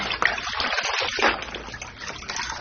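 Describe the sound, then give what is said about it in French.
Water pours and splashes steadily for a few seconds, a continuous gushing rush with brief surges, as water is poured over a standing person to rinse them in a shabby bedroom with a tiled floor, with no voices. “Mets-toi debout, je vais te rincer.”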